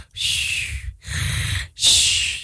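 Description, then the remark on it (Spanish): A voice imitates snoring: three loud snorts in a steady rhythm, each a raspy inhaled rumble with a breathy hiss, separated by brief pauses. “Tú estás roncando y...”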